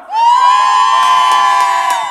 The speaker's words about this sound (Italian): Siccome c'è gente, voglio che la gente a casa lo senta. Per Brescia fate un urlo ora!